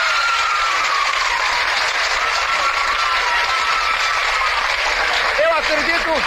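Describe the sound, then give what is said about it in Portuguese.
An audience applauds Marta Rocha on a 1954 Bandeirantes broadcast: a dense unbroken wash of clapping that holds at a constant loudness throughout, with a few rising cheers or whistles poking through near the end. “Ótimo, já tá bom, uma salva de palmas para Marta.”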